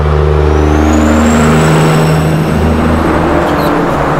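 A road train, a huge truck, roars past at full speed on a straight road, its deep engine drone loud, with a rising whine as it passes and a brief hiss near the end. No voices.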